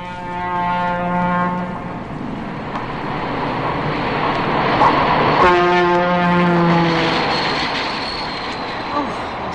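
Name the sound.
passing train with horn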